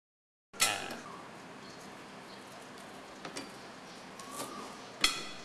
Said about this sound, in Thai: แล้วเราก็ซอยบางๆนะครับ